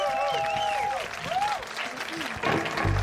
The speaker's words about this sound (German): Ein riesen Applaus. Ein riesen Applaus.